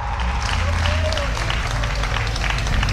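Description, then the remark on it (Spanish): Sustained applause from an audience: a dense, steady wash of many hands clapping at once, loud and even for the whole stretch, with faint crowd murmur underneath. “Que le dé un fuerte aplauso a aquel que ha dicho, para morir nacimos.”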